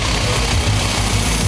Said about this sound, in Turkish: T-129 Atak helikopteri, Gökbey helikopteri